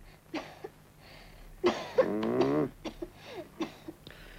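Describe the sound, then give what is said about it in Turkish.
A child with a bad cold coughs on request, repeatedly in short, harsh bursts, with one longer, strained fit of rough, wheezy coughing in the middle, then a few softer coughs trailing off. “Derin nefes al bakayım yavrum. Ök şu çocuğum bakayım.”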